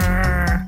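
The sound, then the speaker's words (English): A rockfish croaking and grunting: one loud, buzzy, low-pitched croak lasting under a second, with a rough droning tone that shifts slightly near the end. No voices. “It sounds like this croaking, grunting.”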